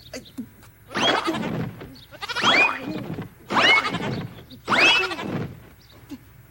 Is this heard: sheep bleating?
yes